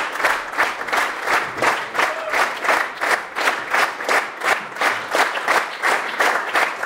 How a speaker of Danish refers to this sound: Og her er de kommet op på scenen igen og tager imod applaus fra det stående publikum.